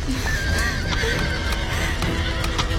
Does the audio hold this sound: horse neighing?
yes